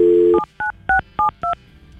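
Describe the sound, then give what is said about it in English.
A short burst of dial tone gives way to five quick touch-tone beeps as a woman's phone number is punched in to call her, each crisp dual-pitched tone evenly spaced and clear with no voices. “We have her phone number.”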